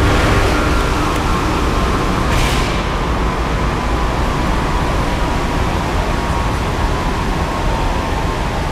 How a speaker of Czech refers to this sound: Vydávám pokyn k odstavení hlavního ventilátoru na dole ČSM lokality Jih dle příkazu závodního dolu.